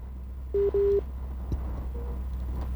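Two short steady electronic tones from a phone line, like a busy or disconnect signal, sound over a low hum, followed by a faint brief click and a weaker tone.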